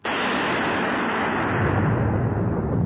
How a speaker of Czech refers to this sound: Panenka stojí. Celá se třese. A hromy bíjí po všem lese.